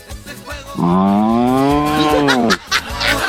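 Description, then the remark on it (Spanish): A person imitates a cow with one long, loud, drawn-out moo lasting nearly two seconds, framed by brief background noise and a short sound afterward. “¿Cómo hace la vaca?”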